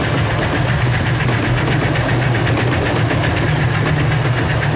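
A train pulling in to a station: a loud, steady low engine rumble with a fast, even chugging pulse running through it and broad hissing noise on top. No voices.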